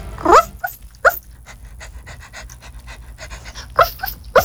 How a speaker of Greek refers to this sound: Λίγο γαβγάβ.